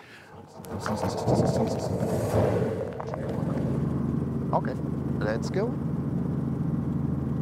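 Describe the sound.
A Robinson helicopter engine starts up with a loud, rushing burst, then settles into a steady, low, droning rumble with a faint whine above it, while a voice speaks briefly over it.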